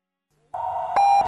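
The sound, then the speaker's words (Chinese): A radio hourly time-signal tone on FM 91.8 Yunnan Traffic Radio marking 20:00 Beijing time: after a moment of near-silence, one steady, fairly loud electronic beep begins and holds unbroken to the end, with no voices. “FM 91.8， 北京时间20:00。”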